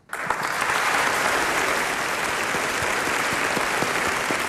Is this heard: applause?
yes